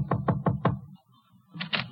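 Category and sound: household object, knocking on a door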